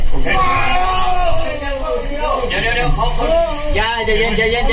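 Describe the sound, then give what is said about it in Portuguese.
A man yells and cries out in loud, strained bursts, nearly continuous for several seconds, with a constant rumbling background noise underneath, as two rescuers try to pull him through a narrow, flooded cave in Laos during the rescue of survivors. “Dois socorristas tentam puxar um dos homens que grita.”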